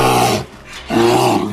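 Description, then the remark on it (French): A bear growls twice, loud: a rough, rumbling snarl, a short pause, then a longer second growl. No one speaks. “L'ours.”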